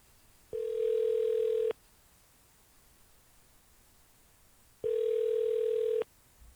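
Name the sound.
telephone dial tone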